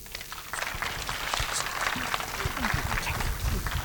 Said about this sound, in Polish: Jeszcze raz wielkie brawo.